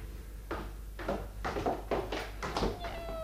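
kittens meowing

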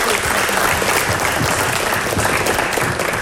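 big round of applause

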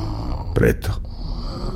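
person snoring

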